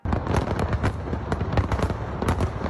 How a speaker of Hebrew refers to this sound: אתמול חזו האורחים במופע מרהיב של זיקוקים, מעל ובתוך מגדל אייפל, וגם מופע פלאים של רחפנים. התיעוד הנפלא ברשתות החברתיות, כדאי לחפש. הנה טעימה של איך זה נשמע, הנה.